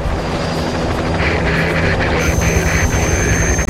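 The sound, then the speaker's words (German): A helicopter from the helicopter squadron in Magdeburg takes off for a search, roaring steadily, its dense engine and rotor noise filling the whole clip with a sustained whine and low rumbling throb, and no voices. “Die Hubschrauberstaffel aus Magdeburg hebt ab.”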